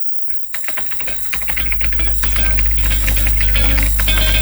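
Fast, continuous clicking of keys being typed on a QWERTY keyboard, busy, while a steady low rumble swells underneath and grows louder toward the end.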